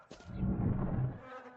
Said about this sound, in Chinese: 什么味儿啊这，这么多苍蝇蚊子，臭死。